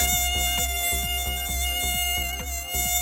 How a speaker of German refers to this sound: Da ist doch so ein Vieh. Eine Mücke. Ja, weg mit die Viechers, ne?